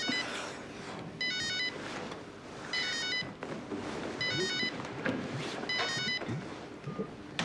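telephone ringing

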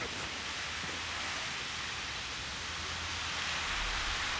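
water spraying

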